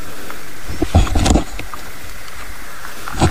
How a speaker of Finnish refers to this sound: Tuo taitaa olla rupisammakko omalla osuudella siellä. Kyllä, saadaan tähän luontoradio sopivasti täällä, kun ollaan mättähän takana piilossa. Onko todella komea kurnutus tällä hetkellä? Ja se on ainoa, mikä kuuluu.